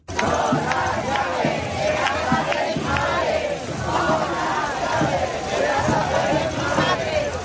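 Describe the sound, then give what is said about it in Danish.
A large housing protest crowd in Madrid, Spain, shouts and chants loudly and steadily in rhythmic bursts, with a bright metallic rattle as protesters shake the keys to their parents' houses along with the voices. “De har boet i telte på byernes pladser og torve, og de er raslet med nøgler til deres forældres huse, som de råber her i Madrid.”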